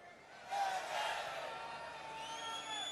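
A live concert crowd cheers and applauds, a dense wash of clapping and shouts that swells after a brief start and holds steady, with faint whistles or music threading through.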